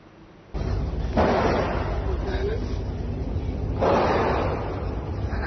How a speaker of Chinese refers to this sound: 泰国农务里府一所学校7号发生枪击案，现场视频显示校园内持续听到枪声，部分学生躲在教室桌子下方小声啜泣。目击者称，枪手身穿紫色运动服，在学校内开了数十枪。